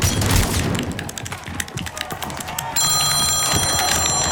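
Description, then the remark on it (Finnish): A phone starts ringing partway through as a mother calls, a steady high electronic ring over a busy background of clattering, clicking noise. Nobody speaks. “Mutsi soittaa.”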